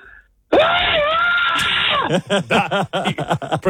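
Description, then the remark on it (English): A woman lets out a long, loud, sustained scream lasting about a second and a half, screaming to win a washing machine, then breaks into breathy, rapid laughter-like gasps. “Proceeds to give us one of the best screams we've had so far.”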